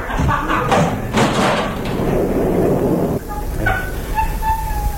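A group forces open the door of an abandoned cabin, bolted from the inside, in the rain: several heavy, loud thuds and crashes batter it in quick succession over a rumbling din, then the noise drops away into a drawn-out creak.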